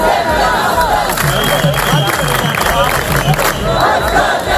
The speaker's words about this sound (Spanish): En España, miles de mallorquines toman las calles de Palma en una protesta masiva contra la masificación de turistas.